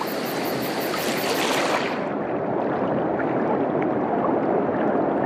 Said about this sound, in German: Der Fluss nimmt mich mit.